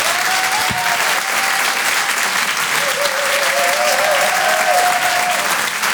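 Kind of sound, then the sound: crowd, audience applause and cheering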